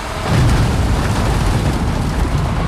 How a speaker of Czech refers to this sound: Nakladač před cukrovarem v Litovli na Olomoucku sype na dopravník další tuny cukrové řepy.